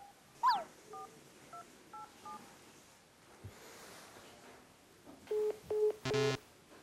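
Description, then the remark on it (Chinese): A series of short electronic keypad tones as a phone number is dialed on a mobile phone, a few quick beeps early on and three louder ones near the end, over faint background hiss. “为什么打不了电话呢？可以啊，有信号啊。”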